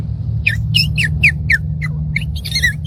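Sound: imitated purple martin call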